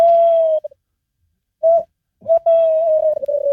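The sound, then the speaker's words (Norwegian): Someone imitates a tawny owl's hoot: a long steady hoo, a pause, a short note, then a drawn-out wavering hoot, with no talking around it. “Og så har du kattugla som kan si noe sånt som dette her da.”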